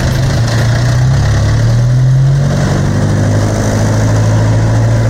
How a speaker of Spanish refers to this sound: Los camiones salen cargados con mercadería de las instalaciones de la nueva central de abastos en Usulután.